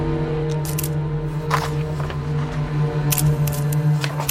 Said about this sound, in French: prend alors le risque de sortir de sa poche son briquet appareil photo et il commence à photographier le document.